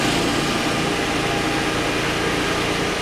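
A large generator-driven ventilation fan, brought by firefighters to clear smoke from a restaurant after a fire, runs at a steady, loud roar, a dense whooshing rush with a low engine hum and faint tonal whine underneath, unchanging throughout with no voices.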